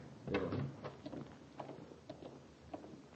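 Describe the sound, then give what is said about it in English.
A lock clicks and a door scrapes open, a short burst of metallic clunks and rattles followed by a few fainter knocks, with no voices. “Unlock the door and get Vosper.”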